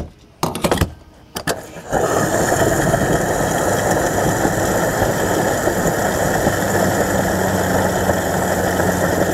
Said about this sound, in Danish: Ja, hvis du ikke allerede har regnet den ud, så er det altså lyden af en bil, der bliver tanket op.